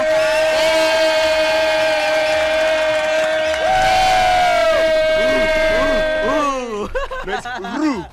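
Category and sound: crowd, men shouting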